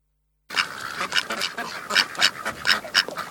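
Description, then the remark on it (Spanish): A flock of ducks quacking, a steady run of raspy, overlapping calls that rise and fall in bursts after a brief silence at the start. “Y los patos.”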